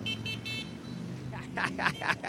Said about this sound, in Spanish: Ahí está mi canalito en su moto, dándolo todo con el claxon.